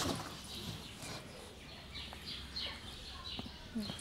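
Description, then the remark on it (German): Short, scattered kea parrot squawks and chirps over a noisy, rustling background, with occasional knocks and scuffling as two keas are caught by hand and the second is put into a kea box for moving. “Ab mit Nummer 2 in die Kea-Kiste.”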